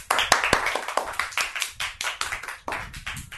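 A group claps together in quick, uneven bursts, many overlapping sharp hand claps filling the space at close range with steady loudness throughout.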